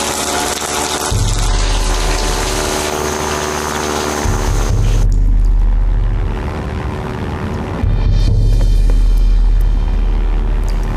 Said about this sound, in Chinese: 飞机，是飞机。一定是胡主席来接弟兄们了。